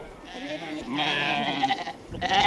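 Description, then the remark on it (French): Several sheep bleat loudly, overlapping calls of ewes and lambs forming a continuous wavering chorus, with a fresh burst of bleats near the end, as ewes with suckling lambs rush toward a bale of hay being brought to them. “Et voilà, des brebis qui ont des agneaux qui têtent, il faut qu'elles mangent, quoi.”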